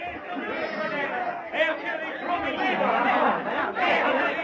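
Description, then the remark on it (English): An angry crowd of natives surrounding a car and a man on a road, many voices shouting and clamoring at once, loud, with agitated surges rising through a continuous wall of overlapping chatter. “they discover the car and Barton surrounded by a crowd of angry natives”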